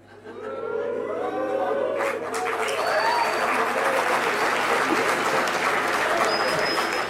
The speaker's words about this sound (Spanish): Bueno, ¿hay algún chiflido, algún aplauso? No entiendo bien si los chiflidos es como, sí, silbando al periodismo.